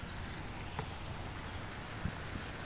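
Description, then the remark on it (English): Road traffic at 6:30 a.m. forms a steady, low rumbling wash, blended with a soft hiss of rain, with no wind; continuous and unbroken, with no voices or distinct events. “Traffic.”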